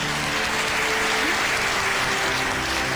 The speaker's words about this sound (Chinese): 让我们再次把掌声送给他们俩，希望他们的日子能够越过越好。